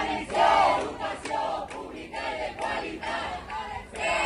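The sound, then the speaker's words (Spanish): A crowd of protesting teachers in Castellón shouts slogans such as "Educación pública y de cualidad" in unison at the president of the Generalitat, Juan Fampero Llorca, loud rhythmic chanting rising and falling in repeated bursts, with overlapping voices and no single speaker standing out. “No opinan lo mismo los profesores que han recibido esta mañana al presidente de la Generalitat, Juan Fampero Llorca, en Castellón, con estos gritos.”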